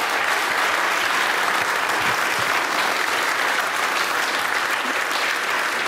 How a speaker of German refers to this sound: Und jetzt einmal einen riesengroßen Applaus, weil das spritziger Spiel, das geht ja gar nicht anders.